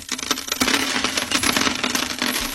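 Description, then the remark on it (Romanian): A stream of coins clinks and jingles continuously, as though poured out or dropped in a heap as payment, bright with no voices. “Noi, Gerilă și compania, plata ne-am luat.”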